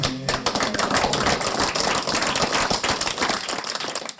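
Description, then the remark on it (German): A group of race participants gives sustained applause for all of themselves, dense overlapping hand claps at a steady loud level for several seconds, with no talking over it. “Erstmal, also ich würde sagen, erstmal einen riesen Applaus an uns alle.”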